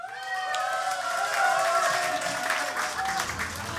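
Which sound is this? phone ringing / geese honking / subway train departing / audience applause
audience applause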